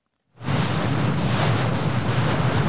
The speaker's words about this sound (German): An diesem Morgen ist das Meer grau. Der Wind hat die Wellen aufgepeitscht. Das Lotsenboot der schwedischen Schifffahrtsbehörde hat gerade den Hafen von Helsingborg verlassen.